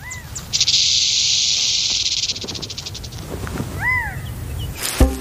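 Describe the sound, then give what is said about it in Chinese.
A rattlesnake shakes its tail in a warning rattle: a loud, hissing buzz that holds steady for a few seconds, then stutters into slower pulses and fades. Low rumble underneath, followed by a couple of brief bird chirps. “这个词通常用来描述草蜢和蟋蟀腿部摩擦翅膀，或翅膀相互摩擦来歌唱，或者是响尾蛇的尾巴发出的警告声。”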